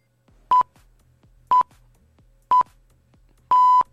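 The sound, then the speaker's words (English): A quiz buzzer sounds: three short, evenly spaced electronic beeps one second apart, followed by a longer final beep. Loud and clear, with no talking. “Remember you said I was too quick to press the wrong buzzer.”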